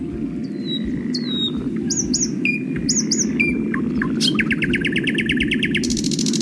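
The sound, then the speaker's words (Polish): Lesser whitethroat song: scattered quick chirps and whistled notes, then a fast, dry rattling trill, loud, over a steady low background rumble. “A na trzecim głos gajówki.”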